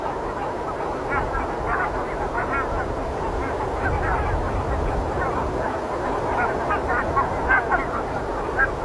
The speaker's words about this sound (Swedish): Och för att vara gäss så är det ändå ett ganska behagligt ljud faktiskt. Det är ju ett otroligt prat hela tiden i flocken där de kommunicerar om Gud vet vad.